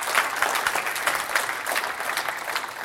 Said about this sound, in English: Somebody give Jesus a hand clap right there. I just said something right there.